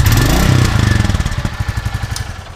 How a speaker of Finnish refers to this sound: Kyllä se hienolta kuulostaa, kun toi prätkä kehrää. Ei sille minkään voi. On siinä jotain kyllä viehättävää ja hienoa.